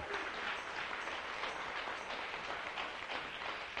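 A church audience claps for the Lord during a sermon, a dense, even wash of many hands with no pauses, sustained at a fairly constant level and no voices breaking through.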